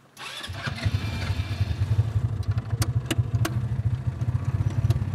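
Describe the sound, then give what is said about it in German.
A car engine is started at the start of a guided driving tour: it cranks and fires up at about half a second, then settles into a steady, throbbing low rumble with a rapid pulsing beat and a few sharp clicks on top. “Ich würde vorschlagen, lass uns Gas geben. Okay, dann machen wir Masi Autos an.”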